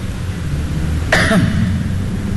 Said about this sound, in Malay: Batuk tu.